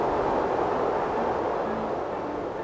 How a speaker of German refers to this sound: Da bläst es aber ordentlich. Wind statt Klavier.